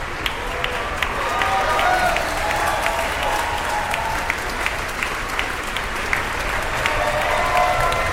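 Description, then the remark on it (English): Sustained applause from a large concert audience for a symphony orchestra at the end of a 45-minute symphony, as the timpanists and other sections stand to acknowledge it. A dense, steady wash of many hands clapping at once with occasional sharper individual claps standing out, holding even in loudness throughout. “Two timpanists acknowledging their applause there.”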